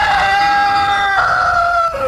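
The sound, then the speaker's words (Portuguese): A rooster crows loudly, one long sustained cock-a-doodle-doo with a shrill, strained tone that steps down in pitch near the end. “Primeiro o galo, canta galo.”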